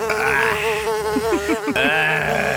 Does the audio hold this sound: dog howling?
no